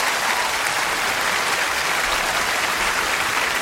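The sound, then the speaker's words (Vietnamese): A steady round of applause from a crowd cheering on a contestant, dense and continuous clapping filling the whole stretch at an even loudness, with no voices standing out. “bây giờ một tràng pháo tay để ủng hộ tinh thần của anh Xuân đi nè”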